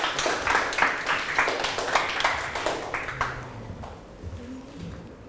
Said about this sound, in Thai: ถูกต้องนะครับปรบมือให้เพื่อนกลุ่ม3หน่อยครับ